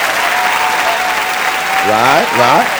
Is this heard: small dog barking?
no